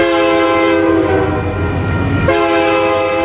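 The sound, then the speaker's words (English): A loud, sustained train horn blares continuously with rich stacked tones, a slight pitch shift partway through, over the low rumble of a passing train. “And our house was across the street from what you'd hear something like this every day, about 7-8 times a day.”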